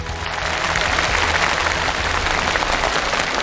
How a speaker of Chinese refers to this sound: 他刚才讲这些话的时候眼里泛着泪光，掌声再给他。